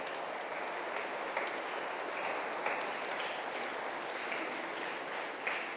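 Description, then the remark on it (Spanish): An audience applauds children who received their first communion, a steady, reverberant, dense wash of many hands clapping at even loudness throughout, with no one speaking over it. “Le damos un aplauso a estos niños que recibieron su primera comunión.”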